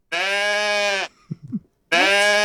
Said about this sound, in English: Is that a sheep? It sounded like a sheep, but that actually was a pet goat. He did do that more of a meh than a baa.